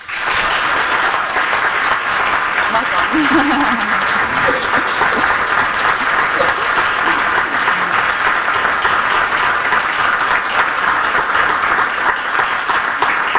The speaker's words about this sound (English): Another round of applause for an incredible Palestinian writer, woman.